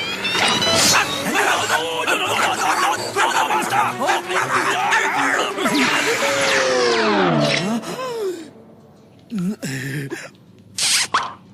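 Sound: dog barking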